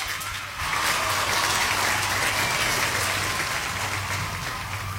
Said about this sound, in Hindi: And उसके साथ साथ जिन लोगों ने मैसेज किया है हैट्रिक के बारे में, बिल्कुल सही जवाब दिया है सबने, इसलिए सबके लिए बजेंगी तालियां।